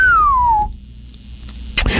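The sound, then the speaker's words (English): A person whistles a single clear note that glides steadily downward, done in place of a whistle sound effect in a TV score, then falls silent before a brief soft knock near the end. “I considered using a whistle sound effect there, but we couldn't afford it, so that was actually me.”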